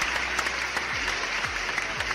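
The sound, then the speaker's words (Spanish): Steady, dense applause from many hands, given in thanks to people for their work saving water for Colima, a continuous crackling wash of clapping that stays fairly even in loudness throughout, with no voices over it. “Ahí les va un aplauso.”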